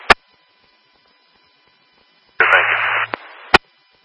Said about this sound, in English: still full of static.